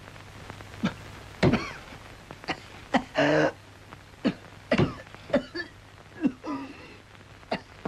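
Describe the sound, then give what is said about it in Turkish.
A series of harsh, hoarse honking coughs, around ten bursts spread irregularly, some single and some in quick pairs, loud with a low steady hum beneath. “Ah canım, nasıl da hönk hönk öksürüyor.”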